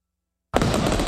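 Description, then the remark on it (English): After a moment of silence, a loud fireworks explosion bursts in abruptly and keeps roaring with dense crackling noise until the end, full-bodied. “Light up the skies this Canada Day with Celebration Fireworks.”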